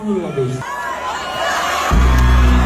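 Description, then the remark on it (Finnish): A festival crowd at Blockfest on Saturday cheers and shouts in a dense wash of voices, with one raised voice rising above the babble as the performer tells the audience he has a small surprise, before the noise swells louder and deeper near the end. “Otetaan pieni ääninäyte, ei tässä nyt hirveästi selviä, mutta tämä on siis blogfesteistä lauantaina.”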